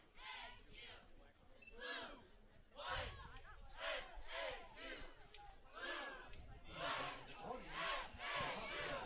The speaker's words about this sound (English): Cheer squad trying to make some noise, get the crowd into this ball game.